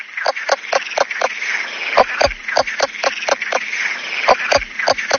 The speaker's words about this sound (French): Alors, c'est vrai qu'un crapaud léopard qui chante comme une poule, c'est déjà original. Mais c'est pas fini. C'est un des seuls amphibiens, enfin en tout cas de France méditerranéenne, qui chante sous l'eau.